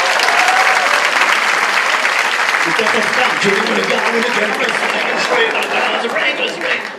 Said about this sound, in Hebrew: איפה כפיים?